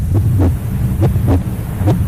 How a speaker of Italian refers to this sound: Senti come batte forte il cuore.